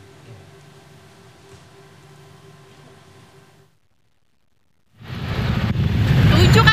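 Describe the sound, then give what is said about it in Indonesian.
Low idling engines hum steadily in a traffic jam, then after a brief silence a louder roar of cars and motorbikes crowding the road rises and holds. “Sejumlah pengendara sepeda motor yang tidak sabar terlibat adu mulut dengan warga yang membantu mengatur lalu lintas.”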